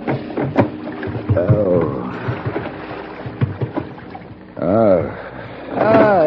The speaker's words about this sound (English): The rocking movement of the small boat didn't help the dull, throbbing pain in my head.